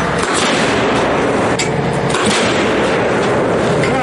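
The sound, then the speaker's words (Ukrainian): A 155 mm artillery gun fires up to ten shells in a row: loud booming blasts arrive a few times in quick succession over a constant roaring rumble, harsh, with no voices. “Загалом у бік рашистів підряд вилітає до десятка 155-мм снарядів.”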